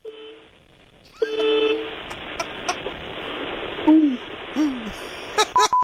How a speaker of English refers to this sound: Yeah, you're right. I haven't heard of a honk that meager in some time. Right, the weakest honks.